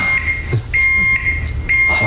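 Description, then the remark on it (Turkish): An elevator overload alarm beeps insistently: a steady, high-pitched electronic tone repeating in long pulses with short gaps, while voices briefly murmur and shift underneath. “Arkadaşım asansör ötüyor, senden galiba.”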